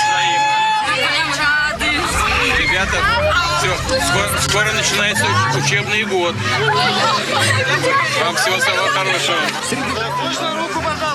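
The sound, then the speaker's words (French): An enthusiastic dense crowd during Vladimir Putin's visit to Siberia, shown on Russian public channel Russia 1, chatters loudly and continuously, many overlapping voices blending into a lively hubbub, with no single speaker standing out across the whole stretch. “Avec une foule très enthousiaste.”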